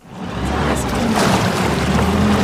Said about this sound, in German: Die Retter der DLRG Rheinfelden düsen mit ihrem Einsatzboot über den Rhein.